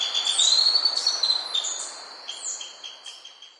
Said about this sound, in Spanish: Los trinos del tiranuelo pileado forman parte del Banco de Sonidos de Aves Colombianas, recopilado por el Instituto von Humboldt y la Universidad de Cornell.